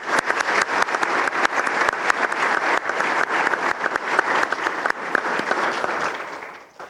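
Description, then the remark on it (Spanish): Sustained audience applause welcoming guests at a church gathering one morning, a dense, steady wash of many hands clapping at an even loudness for several seconds before tapering off at the end, with no voices over it. “Entonces, un fuerte aplauso para ustedes y bienvenidos.”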